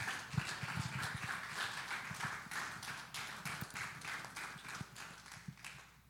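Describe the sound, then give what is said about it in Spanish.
A crowd applauds steadily for about six seconds, a dense, even patter of many hands clapping at once with no voices over it, holding at a fairly constant loudness before easing slightly at the end; a standing religious audience welcoming a visiting minister of God. “Con un aplauso, Señor, lo recibimos.”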